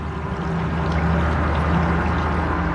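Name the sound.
river water flowing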